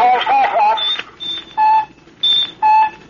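Electronic radar pings and their returning echoes as a craft nears a barrier, the echo bouncing back almost as fast as the signal: a quick series of short, bright tones at two pitches following each other closely, loud and clear after a brief burst of warbling, noisy signal.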